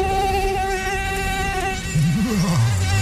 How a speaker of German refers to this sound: Warum also Stechmücken einen verdammt wichtigen Job in unserem Ökosystem haben